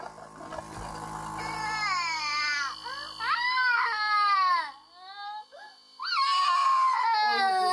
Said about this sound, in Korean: 울음소리에 두 오빠가 방문을 열었는데요.